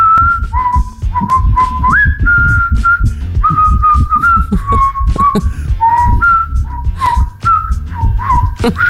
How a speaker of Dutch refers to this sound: En jij mag bewijzen in de Q-app dat je dat goed kan door een bekende Q-hit in te fluiten.